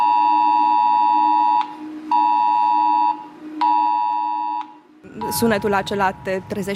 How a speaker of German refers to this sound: Es ist das Video, das über den Luftalarm informiert. Dieser Alarm kommt, genau wie beim Cell-Broadcasting, auf den Smartphones der Menschen in der Gegend an. Und der Alarm klingt so.